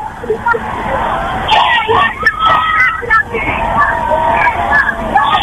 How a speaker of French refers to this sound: Le pape, dans quelques instants, vous entendez derrière moi très certainement les gens crier Léon, Léon.